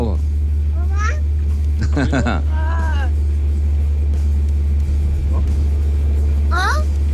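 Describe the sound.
A steady, heavy low rumble from inside a car taking children to school through traffic on a rainy day in Interlagos fills the background, while high-pitched children's voices break in with a few short, sing-song calls and squeals.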